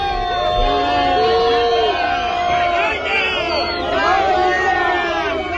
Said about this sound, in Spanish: Malparidos, vergüenza, es lo que se gritaba en la acampada de Barcelona cuando les comunicaron que Junts iba a votar en contra de los decretos. Así sonaba.